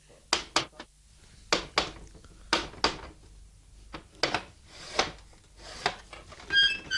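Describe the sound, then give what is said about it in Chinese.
Sharp knocks on a wooden door come in short bursts of two or three raps with brief pauses between them, fairly loud. No one speaks. “你既然有胆嚟到门口啦，咁点解唔够胆敲门啫？唉，敲门啦”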